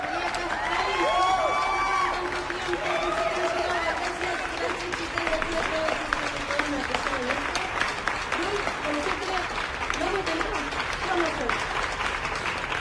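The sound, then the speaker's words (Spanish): A crowd applauds steadily with dense, continuous clapping, mixed with cheering and excited voices that rise and fall above the noise for the whole stretch. “Gracias por los aplausos, los besos, los abrazos.”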